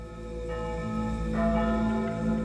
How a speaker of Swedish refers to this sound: när hon hör kyrkklockorna. De ringer nu över hela Sverige för att meddela den tunga nyheten om att första världskriget har brutit ut.